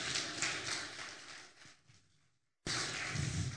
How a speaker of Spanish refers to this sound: Dale un fuerte aplauso en el nombre de Jesús, amén.